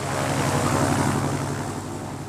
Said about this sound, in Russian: Как только я коснулся земли, сделав крутой вираж над кукурузой, самолет Дональда поднялся в воздух и сразу же повернул к ферме, над которой я только что побывал.